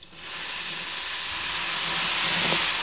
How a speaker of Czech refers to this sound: Pěkně se nám to rozšumělo. Slyšíme, že probíhá bouřlivá reakce, směs pění a evidentně se uvolňuje velké množství plynné látky a to víko jsme tam přiklopili právě proto, aby nám ta plynná látka neutekla.